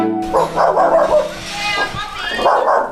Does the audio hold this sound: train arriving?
no